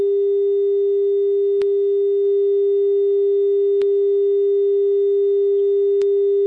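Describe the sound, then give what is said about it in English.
A steady, unbroken telephone dial tone on a call-in line after the caller disconnects hums loudly and evenly, interrupted only by three faint clicks spaced about two seconds apart, with no voices. “we've got the dial tone. Can we disconnect that caller?”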